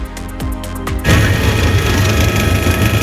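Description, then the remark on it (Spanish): A helicopter flies over an area affected by a forest fire in León: a rapid, rhythmic chopping of rotor blades for about a second, then a loud, steady engine roar with a low droning hum, and no voices. “Es el sonido del helicóptero sobrevolando la zona afectada por las llamas de un fuego que parece ha sido intencionado.”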